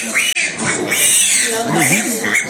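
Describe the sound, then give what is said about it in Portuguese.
A crowd of pigs and piglets grunting and squealing together as they are being fed, a loud, continuous jumble of overlapping calls with high-pitched squeals rising above the lower grunts. “É, alimentando os porcos e leitões.”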